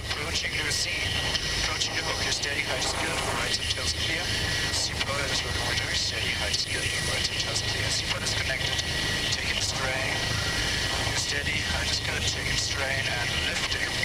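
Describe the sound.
A helicopter flying without autopilot, held steady with a marine pilot hanging on a rope below, its engine and rotor noise a loud, steady drone throughout, with muffled voices, partly radio-like, talking underneath.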